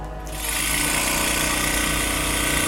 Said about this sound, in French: Donc, pour réduire en poudre les échantillons, on peut les mettre dans un tissue lyser. Donc en fait, ça va agiter très rapidement avec des petites billes à l'intérieur et donc ça va permettre de déstructurer le tissu.